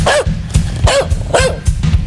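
A dog barks repeatedly in a steady rhythm, about four sharp, loud barks, with no one speaking.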